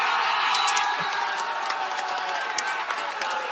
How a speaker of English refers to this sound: Well, that's obviously changed right now that Canada has scored. Everybody's going up on their feet, cheering, waving that Canada flag. And I can see a little Quebec flag in the back as well being waved. People are just so excited right now.